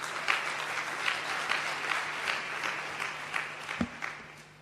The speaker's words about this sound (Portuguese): E estes titios que estão aqui da comunicação social fazem um bom trabalho, por isso que estão aqui a trabalhar conosco para divulgar os direitos das crianças, e eu também quero pedir uma grande salva de palmas para eles.